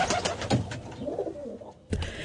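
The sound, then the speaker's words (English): Soft, throaty rock pigeon cooing rolls along in low, gurgling phrases, with a few wing flutters or scuffles mixed in and no voices. “Kiriru Arupare, The Rock Pigeon, RNZ National.”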